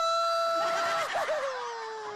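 A single long, loud sheep bleat, held for about two seconds with a quavering, wobbling stretch in the middle before trailing off slightly lower in pitch.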